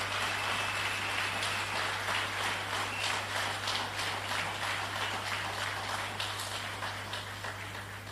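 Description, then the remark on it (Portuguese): A crowd applauds young members of the Defence and Security Forces steadily, a dense and continuous patter of many hands clapping that holds for the whole stretch, with a low steady hum underneath and no voices. “Por isso, mais uma vez, uma grande salva de palmas para esses jovens.”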